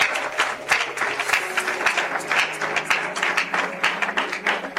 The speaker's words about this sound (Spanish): ¿Alguien puede darle aplausos al Señor por eso?